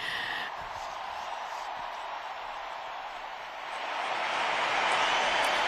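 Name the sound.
hand clapping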